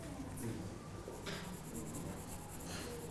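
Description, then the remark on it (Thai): Continuous scratchy rubbing of a pencil across paper as someone shades a drawing, steady back-and-forth strokes, fairly quiet with a faint background hum. “ถ้าเรายิ่งค่อยๆขยับมือขึ้นเรื่อยๆนะครับน้ำหนักเราก็จะเบาแต่ถ้าเรากดลงนะครับมันก็จะเข้มนะครับฝากคุณครูปลายทางด้วยนะครับดูนักเรียนปลายทางให้ระบายน้ำหนักหรือว่าแรงเงาให้ถูกต้องด้วยนะครับ”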